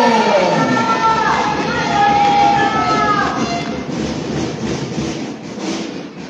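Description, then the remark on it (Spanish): A crowd breaks into loud, sustained applause for a speaker being introduced, with a few whistles or cheers early on, and the clapping continues densely for several seconds before easing slightly. “Un fuerte voto de aplauso.”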